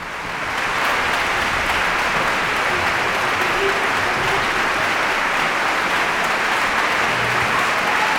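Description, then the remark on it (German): Sustained, dense applause from a large concert audience, swelling in over the first second and then holding steady and loud, a continuous wash of clapping with no speech, after Beethoven's Symphony No. 4 performed by the Orchestra della Svizzera Italiana conducted by Lorenzo Viotti. “Noch einmal großer Applaus, Bravo-Rufe aus dem Publikum.”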